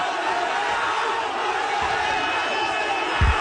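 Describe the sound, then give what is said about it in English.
A dense, roaring crowd of thousands of protesters in India, trying to march on Parliament and attacked by police, shouts continuously at a steady loud level, voices blending into a broad wash of yelling with no clear pauses, and a low thump near the end. “Police in India have attacked a crowd of thousands of protesters trying to march on Parliament.”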